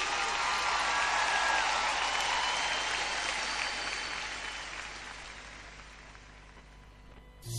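A crowd applauds loudly with dense, steady clapping that gradually thins and fades toward the end, with no talking over it.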